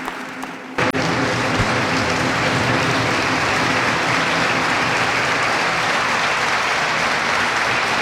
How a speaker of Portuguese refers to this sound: Grande aplauso agora, aplausos também de Rui Tavares, que está na primeira fila,